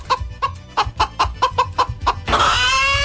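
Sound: chicken clucking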